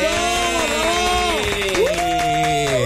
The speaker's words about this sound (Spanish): así que por favor vamos a darle un fuerte aplauso y de verdad mucha admiración para nada más y nada menos que Miss Analía.